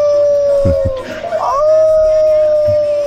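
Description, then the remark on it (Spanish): A voice imitates a dog's long howl: one loud, sustained tone that wavers and bends midway, then holds steady to the end, with faint low thumps beneath. “Deja de ladrar”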